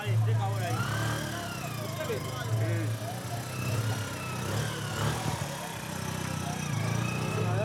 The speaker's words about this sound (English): This is a boda boda, which is a local type of taxi. And somehow they're bringing everything on a motorcycle on this narrow road.